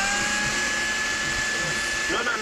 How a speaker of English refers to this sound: What are you doing? I'm just making a milkshake here with your blender. You're making a milkshake with my blender? Yes.